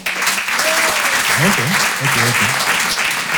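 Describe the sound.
Steady applause from an audience in a show hall, clapping to answer the performer's question of who knows how to ski: a dense crackle of clapping that holds at the same loudness throughout, with a few voices calling out and cheering underneath.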